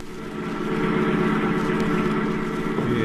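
A steady engine drone of a car driving home at 6:30 in the morning from the service station after being filled with gas and oil, with a low rumbling hum and road noise holding constant throughout, no voices.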